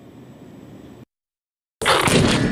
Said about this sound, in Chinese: 海拔4200米的雪域高原，炮声在山谷中阵阵回响。记者抵达野外驻训场时，陆军某合成营火力分队实弹射击考核正紧张展开。这也是连队列装新型火炮后，第一次在高原复杂环境下接受实战检验。